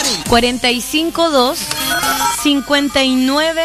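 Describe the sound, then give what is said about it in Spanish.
A melodic telephone ringtone plays fairly loud, a short tune of rising and falling notes with a wavering, voice-like quality, repeating in quick phrases, as a phone is tested to see whether it works. “Pero, ¿ustedes me ayudarían a probar si el teléfono funciona?”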